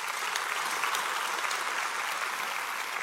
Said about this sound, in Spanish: ¿Lo crees? Puedes aplaudir por eso, ¿lo crees?